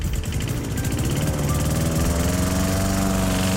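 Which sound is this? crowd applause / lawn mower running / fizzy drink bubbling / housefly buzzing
lawn mower running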